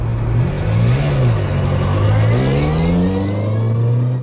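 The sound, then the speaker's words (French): The engine of a Renault 4 (4L), a small service car bought in the early 1970s, revs up and down through a few gear-like rises, then settles into a steady drone as the car pulls away, loud, with no voices. “Ils embarquent dans leur voiture de fonction, une Renault 4L.”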